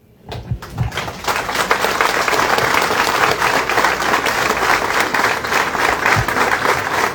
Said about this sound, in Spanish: Si nos ponemos de pie, por favor. Y que continúen los aplausos. Hasta el cielo estos aplausos. Más fuerte. Los está recibiendo.